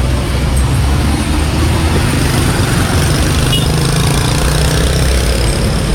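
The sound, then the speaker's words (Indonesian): Steady, loud traffic rumble on a jammed road, with idling engines droning in the low end and a constant wash of vehicle noise, no talking. The jam is caused by a large broken-down trailer truck. “Nah ini kawan, kepadatan terjadi karena truk inilah. Nah ini truk mogok ini kawan ya.”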